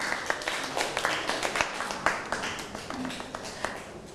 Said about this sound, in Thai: เอาปรบมือให้ตัวเองหน่อยครับ